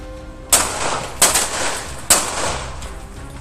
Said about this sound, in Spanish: Cuando la mujer se resistió al asalto, le soltaron varios balazos que le volaban entre el cabello y una le rozó el hombro.